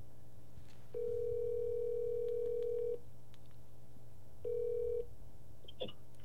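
A telephone ringback tone over a line as a call is placed to a friend: one steady, moderately loud buzzing tone lasting about two seconds, a pause, then the tone starts again briefly before a click cuts in. No one speaks.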